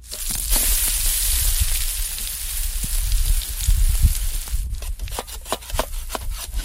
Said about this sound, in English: He was chopping some wood there.